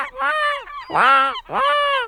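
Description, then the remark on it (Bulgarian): A voice imitates a seagull with three loud, nasal, wailing calls in quick succession, each about half a second long, with no other talking. “Айде, айде, ти като го правиш, всички разбираме, че е чайка.”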